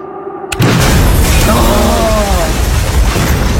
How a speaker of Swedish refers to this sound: Taggen varnade, Sten Frisk drar liksom i bombbältet och så bara pang! Och så är det över.